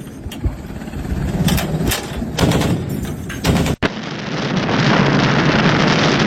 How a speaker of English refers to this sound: Look at those bullets. Jesus. Those bullets. And those are big. This is what naval artillery explosions look like when fired.